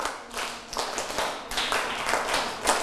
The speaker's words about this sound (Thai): นี่เด็กต้นทางและปลายทางปรบมือ1ครั้ง2ครั้ง3ครั้ง4ครั้ง5ครั้งปรบมือ3ชุด